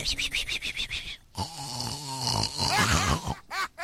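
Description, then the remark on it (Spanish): A person imitates snoring: a quick run of rhythmic, raspy snorts, then a drawn-out, groaning snore with wavering pitch, loud. “En un rato se queda un profundo sueño la muerte. Ah, empieza a roncar.”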